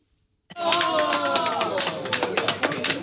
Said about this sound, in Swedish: När vallokalsundersökningen presenterades, ja, men då hörde vi ju till exempel jubel då från Socialdemokraternas valvaka.